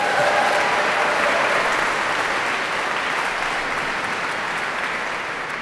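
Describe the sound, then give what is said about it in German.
A large audience in the sold-out Nikolaikirche in Rostock claps steadily and loudly for a vocal group at the end of their concert, a dense wash of applause that holds its level throughout with only a slight fade toward the end. “Wenn Sie so klatschen, haben wir natürlich noch eine allerletzte Zugabe.”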